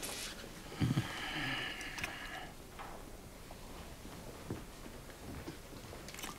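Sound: biting and chewing food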